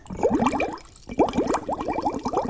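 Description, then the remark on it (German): Lively bubbling of air blown through a straw into a full glass of drink, two bursts of rapid gurgling blips separated by a brief pause near the middle. “Die Luft, die ich durch den Strohhalm puste, steigt in kleinen Luftbläschen nach oben an die Oberfläche und ergibt ein richtig schönes Blubbern.”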